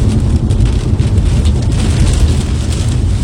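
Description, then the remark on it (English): Heavy rain pounds steadily against a vehicle windshield while a storm is being tracked, a dense, loud wash of drumming drops with gusting wind rumbling underneath, continuous throughout with no voices. “You can hear the pounding rain and wind off his windshield as he was tracking the storm there.”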